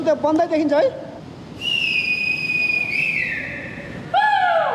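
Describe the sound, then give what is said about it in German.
Rescuers shout and blow whistles to draw attention to themselves while searching for survivors. Shouting voices at the start, then a long, loud steady whistle blast that holds and drops slightly in pitch, followed by another sharp whistle, all over a low background rumble. “Mit Pfeifen und Rufen versuchen die Retter, auf sich aufmerksam zu machen.”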